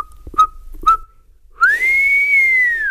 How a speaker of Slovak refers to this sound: Na siedmy deň to už nevydržal a keď si bol istý, že je na porube v štôlni celkom sám, neisto, ale predsa len placho zapískal.